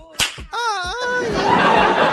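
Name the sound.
whip crack sound effect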